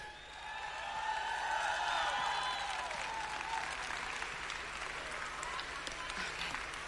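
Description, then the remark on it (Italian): A large audience bursts into loud, sustained applause for a band, dense clapping that swells quickly and holds steady, with whoops and cheering voices rising over it in the first few seconds. “Un applauso a questa magnifica band!”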